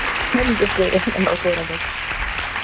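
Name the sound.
applause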